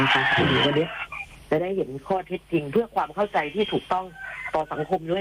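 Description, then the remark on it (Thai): A loud rooster crow rings out for about a second at the start, then a man's voice takes over, speaking steadily in a broadcast style. “เข้าใจว่าสายมาแล้วค่ะได้ยินเสียง ได้ยินเสียงไก่ขันแล้วครับมารับสายกันเลยฮะ เพราะว่าคงไม่มีไก่ขนาดนี้เดี๋ยวไปรับสายกัน”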